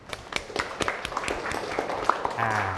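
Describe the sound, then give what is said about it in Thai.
A small group of students claps for a classmate in quick, uneven bursts, soft, with faint background chatter and a low hum toward the end. “จอดเยี่ยมมากเลยครับโอเคปรบมือเพื่อนหน่อยครับ”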